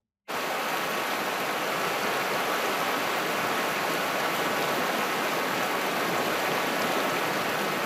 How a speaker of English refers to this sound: Just picture it. Beautiful spring day. You're sitting by a small river at the bottom of a valley surrounded by farms, the grass bright green. Very peaceful. Very, very peaceful.